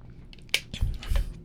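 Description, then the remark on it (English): A sharp click, then two low, wet gulps as someone drinks water and swallows, with no talking. “But goodness, let me get some water real quick.”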